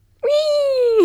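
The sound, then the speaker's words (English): A person imitates a flamingo call with one loud, nasal, high-pitched vocal note. It holds steady for nearly a second, then slides downward at the end. “What is the noise a flamingo makes?”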